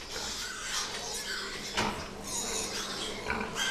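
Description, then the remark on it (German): A dense chorus of many pigs grunting and squealing together at a pig-fattening farm where 1 million animals a year are fattened, a steady, crowded din with a few louder bursts standing out. No one speaks. “Nicht weit entfernt lag ein Schweinemastbetrieb, in dem jährlich 1 Million Tiere gemästet wurden.”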